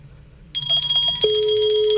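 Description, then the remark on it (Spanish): After a brief quiet stretch, the ringing tone of an outgoing phone call being dialled starts up, a bright electronic tone joined by a steady lower hum that holds to the end, with no one talking. “Está sonando. Papá Noel, su campana está sonando.”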